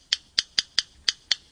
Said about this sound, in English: And the simple clicking notes of a yellow rail.